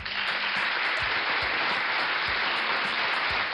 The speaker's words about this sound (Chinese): 这个掌声是我们要送给熊妈妈的啊，因为熊妈妈她很耐心